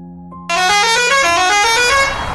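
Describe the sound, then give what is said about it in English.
A loud, sustained bus horn blares, its harmonic tone holding for nearly two seconds over a low engine rumble, with no talking. “Oh, there is the bus.”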